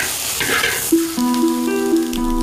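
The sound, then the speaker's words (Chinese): Small local shrimp, known as glutinous rice shrimp, stir-frying in a pan over low heat to make dried shrimp: a soft, crackly sizzle with light scraping, joined after a moment by sustained, steady musical notes playing underneath. “炒好的虾干软糯适口，越嚼越香。”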